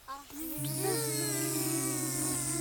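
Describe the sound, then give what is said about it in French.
Children's voices imitate a bee with a steady, sustained low "bzzz" drone that starts after a brief vocal sound and holds at a fairly even loudness for about two seconds, at a school in Saint-Julien-du-Cerf during a session about small creatures. “Vous me faites le bruit de l'abeille, ça fait comment?”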